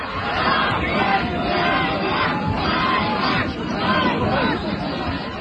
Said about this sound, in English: in turning over the jeep used by military recruiters and they jeered and shouted, and that kind of brought the whole subject back into news headlines.